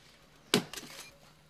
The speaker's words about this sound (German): Hier haben sie einen Baum entdeckt, in dem sie Honig vermuten. Mit dem Buschmesser wird ein Loch in den Stamm geschlagen.